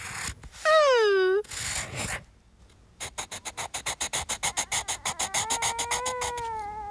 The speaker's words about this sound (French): Toudou est tranquillement installé sur la table de la salle à manger. Il dessine. Toudou aime écouter le bruit des crayons sur le papier.